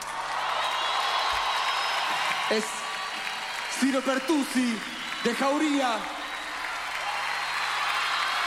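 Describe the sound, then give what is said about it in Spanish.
A crowd claps steadily and continuously throughout, a dense wash of applause, while a man's voice briefly speaks over it in the middle. “Quiero que le den un fuerte aplauso, loco.”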